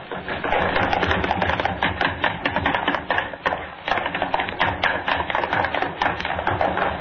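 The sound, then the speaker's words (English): Three people run in a rapid, dense clatter of footsteps across a studio floor and up stair steps, the overlapping thumps and taps pounding steadily and loudly across floorboards and stair treads for several seconds without pause. “I want running footsteps, all three of you, across the studio floor, up the stair steps.”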